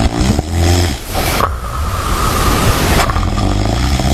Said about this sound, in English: Oh, it goes on. Yep. That's the gasping. Stop snoring. Snoring so loud.